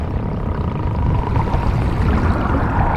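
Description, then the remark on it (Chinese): Sperm whale vocalizations underwater from a sperm whale family in the sea near Mauritius: a steady, muffled low rumble crackling with dense clicks, with faint higher tonal calls drifting through for the full three seconds and no voices. “以歪嘴艾琳为首的抹香鲸家族到了需要做出决断的时刻。”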